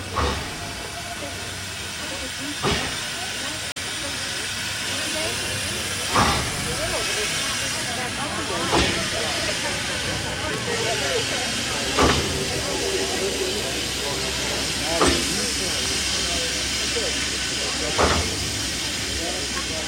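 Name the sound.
old steam train hissing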